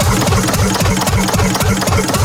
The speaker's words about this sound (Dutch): Maar we zien hier een heel klein motortje staan met zo'n heel piepklein schoorsteentje. En zo'n rad wat een beetje aan het draaien is.